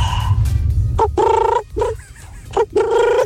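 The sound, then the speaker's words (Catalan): A person imitates a pigeon's cooing with a few loud, warbling vocal bursts separated by brief pauses, with a low rumbling background underneath. “I vaig imitar el... Com se diu això? Com se diu, com se diu? El colom.”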